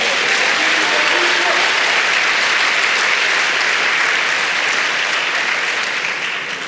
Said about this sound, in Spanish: Dele palmas al Señor.